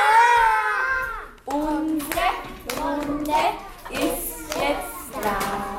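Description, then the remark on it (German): A group of children at the municipal Laawald kindergarten in Vienna's 10th district claps loudly together in a steady rhythm during their morning circle ritual, their high voices chanting and calling out over the claps, lively. “Den Tag eröffnet sie wie immer mit einem gemeinsamen Ritual, dem Morgenkreis. Alle klatschen laut.”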